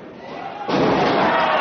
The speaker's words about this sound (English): Double A Spinebuster takedown and a raining down right hand.